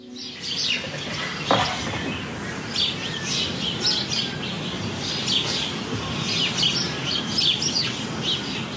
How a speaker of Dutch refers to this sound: hoort tientallen mussen in de heggen en beukenhagen rond haar huis. En daar geniet ze volop van.